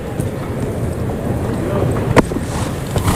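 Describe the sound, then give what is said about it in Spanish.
The horse Alcotán, galloping during a mounted bullfight, snorts and breathes hard in heavy, rhythmic puffs, with muffled hoofbeats and one sharper snort breaking through a steady, rushing background noise. “Ahí resopla el caballo, Alcotán, en el galope, respirando fuerte.”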